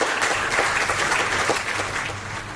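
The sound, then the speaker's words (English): A crowd stands and applauds for FIFA president Gianni Infantino, many hands clapping in a dense, continuous patter that stays loud throughout with a faint low hum underneath. “I want you to stand up and we clap hands for Gianni.”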